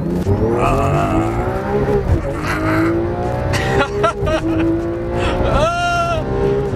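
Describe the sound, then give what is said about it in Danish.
Race car engines rev and whine loudly, pitch rising and falling as cars accelerate, with tires squealing and skidding in bursts as cars skid and spin on a slippery track laid by FDM at the Jyllandsringen racetrack near Risenbro, Denmark; a voice may briefly be heard underneath. “Jyllandsringen har igennem årene været blevet brugt til mange ting. Især racer”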